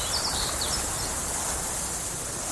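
A steady, hissy outdoor ambience with a broad wash of high-pitched insect-like buzzing and a few faint bird chirps, evoking open grassland; no voices.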